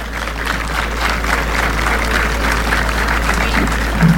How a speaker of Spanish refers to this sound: Les brindamos un fuerte aplauso.